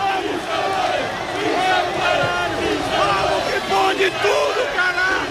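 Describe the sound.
More than 4,000 football fans at a roundabout cheer and chant loudly and continuously as the Unión Deportiva Almería team bus passes, voices overlapping in a dense, roaring wall of shouts with rising whoops throughout.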